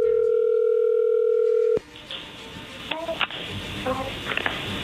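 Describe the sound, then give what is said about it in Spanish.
A steady electronic telephone tone as a dialed call goes through holds for under two seconds, then cuts off abruptly, leaving a hissy phone line with faint clicks and muffled voices. “A ver, márcala. Ahí ya entró la llamada.”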